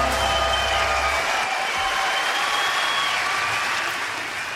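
An audience applauds steadily for several seconds, a dense wash of clapping hands that holds loud and even throughout, with no voices standing out.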